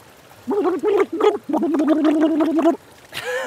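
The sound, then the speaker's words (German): Someone blows into a glass of water while voicing a tone, trying to make music with water, making bubbly gargling sounds: three short burbling bursts followed by one longer, steady humming bubble stream. “Okay, das war schon mal so, wie man im Wasserglas ein bisschen reinprustet.”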